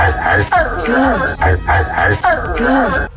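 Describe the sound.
A man's voice imitates a barking dog, barking to a woman, giving three drawn-out, howling barks in steady succession, loud with no other sounds around them.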